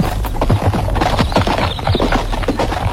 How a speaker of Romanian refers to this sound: aleargă și făt frumos, adică aleargă calul, iar făt frumos își aude inima în piept. Ăsta e calul.